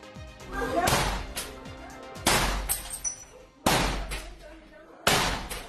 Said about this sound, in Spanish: un grupo armado derribó la puerta de su casa. El momento quedó captado en video y conmocionó al país.